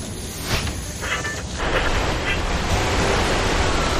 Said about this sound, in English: Oh man, it's raining heavily and I can't see the road. I should have changed the windshield wipers yesterday, la.